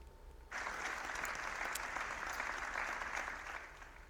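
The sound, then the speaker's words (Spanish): Applause breaks out suddenly after a quiet half-second, ending a minute of silence: a sustained crowd clapping steadily at moderate volume before easing slightly at the end. “El minuto de silencio ha finalizado con un sentido aplauso.”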